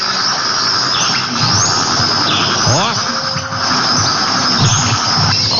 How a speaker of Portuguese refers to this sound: Mas é bonito esse passarinho, viu? Ó. Quem é o cantor? Passarinho bonito. Ó, escuta, escuta, escuta. Aqui na fazenda tem muito desse, viu?